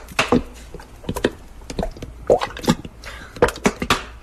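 Peppers are poured into a big saucepan, making an irregular run of knocking clatters and light taps over a few seconds, with no talking.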